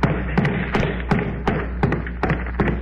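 About eight steady, evenly spaced knocks on a door by a scrub woman, each a dull thud with a sharp tap on top, over a faint constant background hum and no voices.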